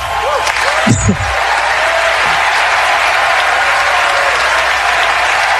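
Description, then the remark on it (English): Sustained audience applause, a dense, steady wash of many hands clapping at an even loudness throughout, with a brief burst of voices and a whoop near the start. “You can give me applause for that?”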